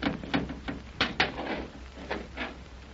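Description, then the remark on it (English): A stuck door, jammed at the sides, grinds and scrapes as it is pushed downward by hand, a series of irregular wooden creaks and knocks over about three seconds, moderately loud with no voices. “Hey, it's moving, Tex. It's moving. It sure is, son. Look, it's going down.”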